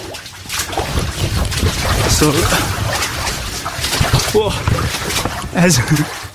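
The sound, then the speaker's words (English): Steady splashing and sloshing of water as people wade through it in underground catacombs, echoey, with a few voices talking in the background. “as I press record, we came to some more water.”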